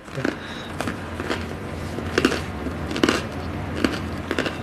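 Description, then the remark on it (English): Crisp crunching as someone bites and chews crusty bread, with a series of sharp, irregular crackles over a low hum and no talking. “Oh, wow, the bread is crunchy.”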